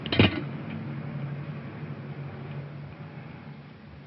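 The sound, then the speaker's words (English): A short thump, like a car door, sounds near the start as a man gets into a car with a little boy at night, then an engine idles steadily in the background for the rest, a low continuous rumble with no voices. “Yeah, he's getting in the car.”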